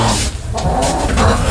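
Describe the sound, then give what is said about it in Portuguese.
A rooster crows in a short, loud, rough call over steady outdoor background noise, with no talking. “Dá-lhe o canto, galo canta, minha gente.”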